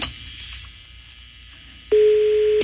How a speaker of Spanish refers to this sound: Bueno, está sonando el teléfono, no contestan, güey, ya ves, baboso. Bueno, no contesta el ruco.